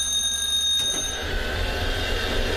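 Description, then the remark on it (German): An old traditional tram in Naumburg, Germany rings its bell with a steady metallic trill, then starts moving and a low rumble of rolling wheels and motor builds up. “Die wilde Zicke klingelt und setzt sich in Bewegung und ich setze mich auch in die wilde Zicke und die füllt sich langsam.”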